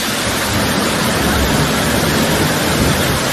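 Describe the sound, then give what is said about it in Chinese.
A steady, dense roar of rushing water from the first-tier Poyang Lake waterfall in a mountain gorge, loud, holding an even hiss without breaks for the whole stretch, with no voices. “体验了一把在山涧飞瀑之下啊，感受了一个踏舟湖上，让我们真的是非常的惬意啊。”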